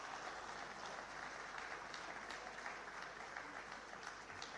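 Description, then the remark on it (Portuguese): Sustained audience applause at a tourism awards ceremony for all the award-winning companies, a dense, steady clatter of many hands clapping at even loudness throughout, with no voices rising above it. “E uma grande salva de palmas a todas as empresas galardoadas.”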